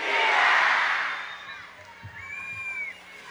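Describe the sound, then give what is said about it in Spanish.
A large crowd roars and shouts vivas in unison at the Grito de Independencia ceremony in Quintana Roo, Mexico, a broad wash of cheering voices that swells loudly at first, then fades into a murmur with scattered cries. “Pues bueno, así es como se llevó a cabo ayer este grito de independencia”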